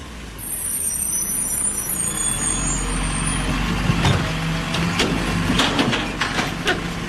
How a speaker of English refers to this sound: A garbage truck.